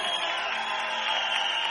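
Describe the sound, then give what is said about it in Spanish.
A crowd applauds loudly for Christ, a dense, steady wash of applause that holds at the same level from start to finish with no one speaking over it. “Aplaudan fuerte a Cristo.”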